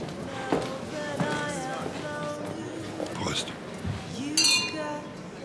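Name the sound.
glasses clinking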